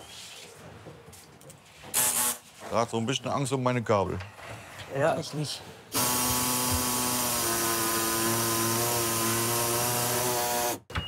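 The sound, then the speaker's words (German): People talk briefly, then a power saw starts up loud, cutting a piece off wood so that a cabinet fits, with a steady, high-pitched whine for about five seconds before stopping abruptly. “So, sägen wir das mal weg.”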